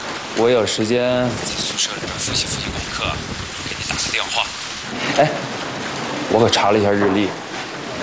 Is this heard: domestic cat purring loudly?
no